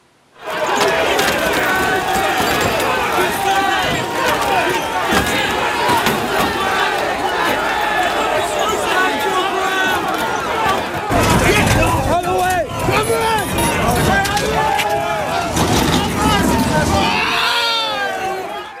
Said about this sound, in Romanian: Imaginile momentului vin din Marea Britanie. Sute de protestatari s-au ciocnit cu forțele de ordine după o intervenție eșuată într-un caz de crimă.